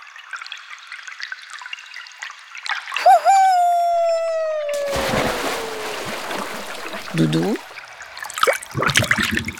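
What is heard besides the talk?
splashing water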